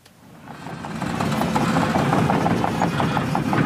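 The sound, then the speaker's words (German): Excavators at a primary school construction site in Kernen im Remstal near Stuttgart rumble with a deep, steady engine drone that swells in the first second, overlaid by a rapid, regular metallic clatter of tracks, with no talking. “Die Bagger rollen hier an der Grundschule in Kernen im Remstal nahe Stuttgart. Ein Sound, der heute nicht nur Lokalpolitiker anlockt.”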